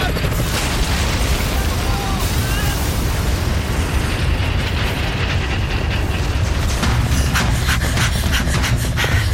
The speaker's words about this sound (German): Vorsicht! Der Hubschrauber stürzt ab!